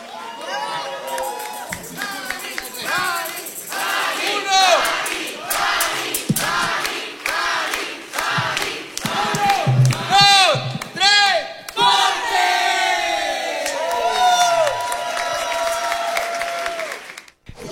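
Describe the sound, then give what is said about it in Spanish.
A large crowd applauds and cheers loudly and continuously, with whoops, shouts and whistles rising over steady clapping for the whole stretch. “aplauso.”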